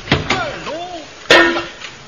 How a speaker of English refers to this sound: don't you hit me with a hammer again. It wasn't a hammer, it was a shovel.